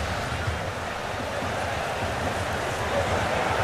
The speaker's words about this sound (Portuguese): A chuva é intensa. Chove e chove muito. Você consegue perceber com o som da torcida gritando? A água intermitente batendo nos microfones.